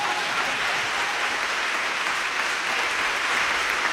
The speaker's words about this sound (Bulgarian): Сега продължете с аплодисментите.